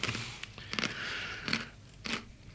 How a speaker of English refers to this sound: Could you just chew a little bit closer to the microphone?